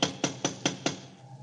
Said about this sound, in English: Go ahead and knock.